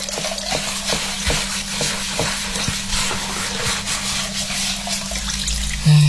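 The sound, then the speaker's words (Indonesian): Steady sizzling of food frying in a wok, with scattered scraping clicks from a utensil stirring it throughout. No one speaks. “Ini sudah bantu cuci piring, bantu lagi masak, malah bukan bantu, aku yang masak sendiri.”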